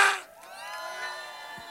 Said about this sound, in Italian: Mammazza, volevo sentire l'urlo della piazza!